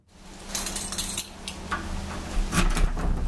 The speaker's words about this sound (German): die dicke Schleusentür aufdrückt und zugleich etwas beklemmend.